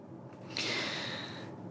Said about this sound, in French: Je prends une grande respiration et je pose la question suivante.